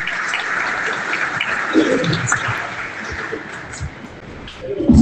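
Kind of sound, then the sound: crowd, audience applause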